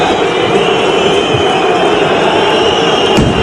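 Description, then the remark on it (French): A dense, steady roar of FC Nantes ultra supporters storming the pitch amid smoke flares a few minutes into a match fills the whole stretch, loud and unbroken, with a single brief crack of a firecracker bursting near the end. “On entend des pétards et puis c'est devenu une habitude.”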